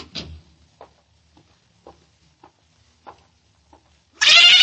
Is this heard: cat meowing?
yes